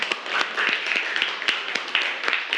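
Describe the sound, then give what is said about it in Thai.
A group of children in a classroom clapping together for a classmate in a steady, busy patter of overlapping claps with sharper individual hits standing out, lasting a few seconds with no one talking over it. “สีโดดเด่นด้วยสีปรบมือให้เพื่อนหน่อยครับ”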